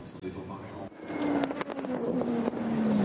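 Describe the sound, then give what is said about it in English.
A race car driven by René Rast swells to a loud, steady roar after a quieter first second as it comes through on track for another lap, its droning pitch sliding gradually lower as it passes, with a voice faintly underneath. “René Rast comes through for another lap as we're heading towards our CrowdStrike hourly update.”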